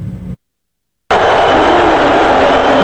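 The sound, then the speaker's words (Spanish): Thousands of spectators booing Donald Trump at the NBA final in Madison Square Garden, New York, while the US national anthem plays: after a short muffled moment and a gap of silence, a loud, dense, continuous roar of many voices rises and holds steady without a break. “Tenido que soportar estos abucheos de miles de personas que asistían a la final de la NBA en el Madison Square Garden de Nueva York, mientras sonaba el himno estadounidense y parapetado tras una pared de vidrio antibalas, el presidente resistía”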